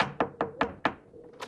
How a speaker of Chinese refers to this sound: 两个人敲门进了屋，便将以上的情况一五一十地告诉了富平。